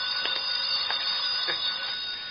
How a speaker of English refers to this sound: My phone's ringing. Look, you let me answer the phone.